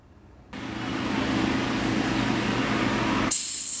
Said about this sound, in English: The Madagascar hissing cockroach. You want to have a listen to it,